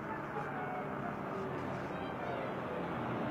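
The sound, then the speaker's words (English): A car's engine rumbles steadily as it pulls into a driveway, a dense low drone with a broad hiss that holds an even loudness throughout, with no distinct bumps or stops. “That car's coming in the driveway.”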